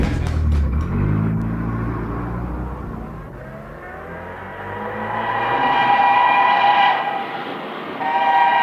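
A car engine rumbles low, then revs up with a rising whine as the vehicle accelerates and pulls away, loud throughout with no voices.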